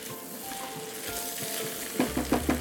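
Vegetables for a soup are lightly sweated in a pan with a steady, soft sizzle and crackle, then a few quick scraping stirs toward the end. No one speaks.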